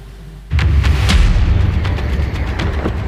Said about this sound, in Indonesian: Amerika Serikat kembali menyerang Iran. Kali ini targetnya adalah kota Karaj, Provinsi Alborz. Sejumlah saksi menyatakan melihat serangan udara yang menyebabkan ledakan di kota itu pada Kamis pagi.